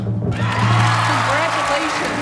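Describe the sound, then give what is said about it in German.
A large audience at the 1997 Oscar ceremony in Los Angeles bursts into sustained applause and cheering after a brief quiet moment, as Thomas Stellmach wins the Oscar for Best Animated Short Film for Quest; the clapping loud and dense, with a voice heard faintly beneath the ovation. “1997 ist der Jubel groß in Los Angeles und in Kassel.”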